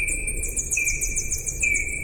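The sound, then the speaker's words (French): Slowed-down bat echolocation calls: a rapid series of high, downward-sweeping chirps over a steady lower whistling tone, giving a two-note, buzzing, lightsaber-like effect, with no talking. “Et donc Gaëlle, qui a la technique, va nous passer un son d'écholocation.”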